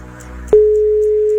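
A faint click, then a single steady, fairly loud ringback tone from an outgoing phone call to Poreć, a plain mid-pitched beep holding evenly for about a second over a low background hum.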